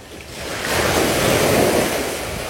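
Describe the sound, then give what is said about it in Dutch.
Ocean surf washes onto a white beach at the bay of Han on a sunny day as people walk through the surf, a broad steady roar that swells and holds, with a rush of wind noise over the microphone and no voices. “We lopen door de branding”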